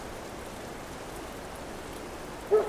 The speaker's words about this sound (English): Welcome to the program, coming to you from a very rainy, grey autumn afternoon here in Southeast Estonia.